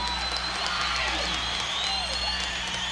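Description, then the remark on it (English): An audience at a live concert recording applauds guest horn players in a steady, dense wash of clapping that holds at an even loudness throughout, with a few cheers and whistles rising above the noise. “Ladies and gentlemen, can we have a big round of applause”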